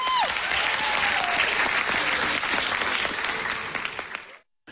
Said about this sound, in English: As the curtain closes on the cast's final local production before they ship off across the pond, their friends and family give them thunderous applause.